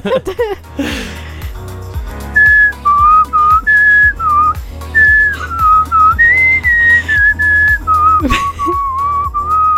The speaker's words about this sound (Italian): È che riesco a intonare il fischio con la canzone. Sei brava. Cioè, riesco a fare tutta la canzone fischiando.